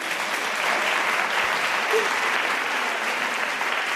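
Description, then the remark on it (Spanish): Steady, dense audience applause fills the whole stretch, a broad crackling wash of many hands clapping at an even loudness with no break. “Oye, les damos un aplauso, por favor.”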